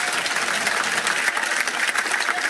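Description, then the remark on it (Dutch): A steady burst of audience applause in Blankenberge for the Radio 2 staff, dense clapping from many hands filling the whole stretch at a fairly loud, even level with no talking over it. “Maar vooral een ongelooflijk applaus voor de mensen van Radio 2 voor en achter de schermen.”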